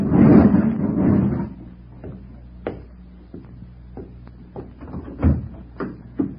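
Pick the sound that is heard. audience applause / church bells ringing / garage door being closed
garage door being closed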